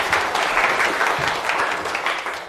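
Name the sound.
classroom applause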